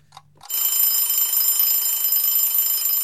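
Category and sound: household object, alarm clock ringing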